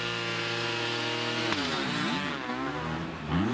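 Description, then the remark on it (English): Two 250cc motocross motorcycle engines, one two-stroke and one four-stroke, rev hard together while racing, a loud buzzing drone with stacked harmonics that holds steady, then dips and rises in pitch as throttles change, ending in a sharp climbing whine. “And this is interesting because it is two stroke against four. They're both 250cc engines.”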